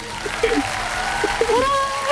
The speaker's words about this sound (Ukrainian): Попрошу вас трішки прибрати звук на приймачі, бо зараз будуть оплески.